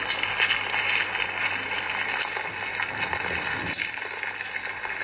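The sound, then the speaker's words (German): Amplified insect larvae chewing inside grain kernels poured into a container, eating the starchy endosperm from within: a dense, continuous crackle of tiny clicks and scratches that stays steady for the whole stretch, with no voices. “Genau, das sind die Larven, die fressen am Getreidekorn.”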